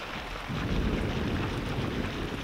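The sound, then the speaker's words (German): A deep roll of thunder swells in after a brief quieter start and rumbles steadily through a thunderstorm, with a hiss of rain beneath it and no voices. “Ein zauberhaftes Gewitter.”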